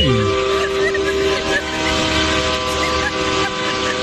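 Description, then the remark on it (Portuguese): A truck's air horn blasts in one long, loud, steady honk that holds for about four seconds over a rumbling background of traffic noise. “Aí, que buzinada boa, cara.”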